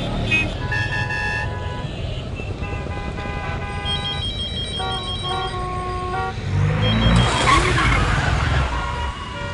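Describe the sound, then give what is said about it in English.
A car skids in a road accident with a loud rising screech of tires, preceded by steady engine rumble and an electronic ringing melody, with a voice murmuring underneath. “Thank God, that accident was not serious.”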